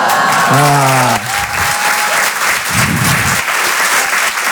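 Loud, steady applause from an audience fills the whole stretch, a dense wash of clapping. A voice rises briefly over it at the start and then drops away while the clapping continues.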